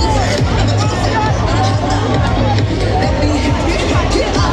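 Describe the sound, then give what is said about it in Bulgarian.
A large crowd cheering and shouting outdoors at the 70th Eurovision Song Contest in Vienna, celebrating Bulgaria's first-ever victory despite rain and lower temperatures, a dense, loud wall of overlapping voices that holds steady throughout, with scattered yells rising above the hubbub. “Виждате, публиката ликува тук пред Евровизионното си.”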